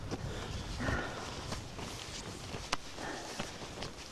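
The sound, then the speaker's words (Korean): Footsteps crunch slowly along a narrow path barely wide enough for one person, a handful of soft, unhurried steps, with faint outdoor ambience and no talking. “천천히 가요. 천천히. 지금 너무 넓게 시야를 보지 마시고 이 좁은 길만 제 발자국만 따라오세요.”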